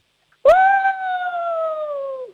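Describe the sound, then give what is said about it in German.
A person imitates a wolf howl, one sustained, slightly wavering tone that starts abruptly and holds steady for about two seconds before fading. Fairly loud, with no other voices. “Dann hätte ich jetzt gerne, dass du mal heulst wie ein Wolf.”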